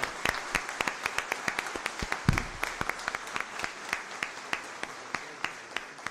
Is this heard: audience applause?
yes